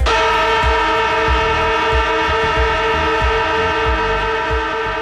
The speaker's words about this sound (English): That is right. That is the AFL footy siren